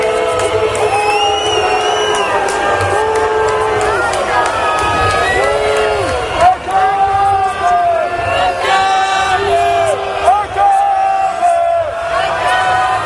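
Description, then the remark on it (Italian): A loud protest crowd whistles and jeers continuously as a riot police column passes, shrill overlapping whistles rising and falling above a dense mass of shouting voices chanting the slogan "ACAB" for the whole stretch. “ci spostiamo perché c'è una colonna antisommossa che sta passando, ovviamente tra i fischi lo sentite.”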